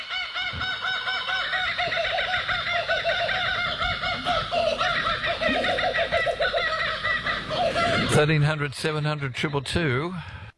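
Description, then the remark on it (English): A chorus of kookaburras laughing, raucous cackling calls overlapping loudly for about ten seconds, breaking near the end into quick rising and falling chortles. “See, even the cookers are laughing at that.”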